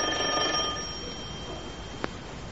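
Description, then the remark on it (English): A doorbell, put in to stop people knocking on the door, rings once with a bright, metallic ringing tone that fades out after about a second, followed by a quiet stretch and a single sharp click. No one speaks. “Go on, ring the bell.”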